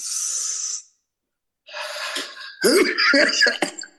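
A deep, hissing inhale, taken as a calming breathing exercise, is followed by a short pause and then a burst of several harsh coughs in quick succession.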